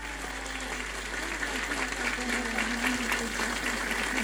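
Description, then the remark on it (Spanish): A Catholic church audience claps steadily for several seconds in honour of its patron saint, Santa Rosa de Lima, a dense, even wash of applause at moderate loudness with no voices standing out. “Le damos un aplauso a nuestra santa y patrona.”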